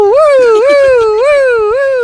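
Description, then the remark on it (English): A voice imitates a police car siren, a loud wailing tone that swoops up and down in quick repeated cycles for about two seconds. “It was followed by a police car.”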